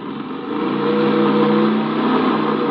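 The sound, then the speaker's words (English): A car engine rumbles loudly, swelling after a moment as the car gets back on the road and accelerates away in a steady, continuous drone with no voices. “think we can probably get back on the road now.”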